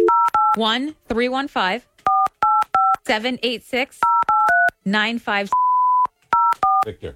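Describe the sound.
Phone keypad dialing tones beep in short clusters of two or three as people dial a phone number, alternating with people talking between them, followed by one longer steady tone and a few final beeps.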